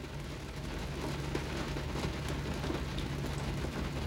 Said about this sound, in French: Sous une pluie folle, folle, folle.